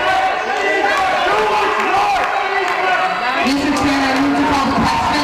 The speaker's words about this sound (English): aldermen went into closed-door sessions Thursday night after another in a series of riotous meetings with dozens of attendees frequently screaming over speakers.